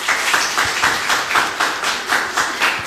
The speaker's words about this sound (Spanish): Perfecto, aplausos.